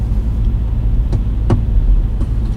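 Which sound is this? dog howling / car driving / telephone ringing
car driving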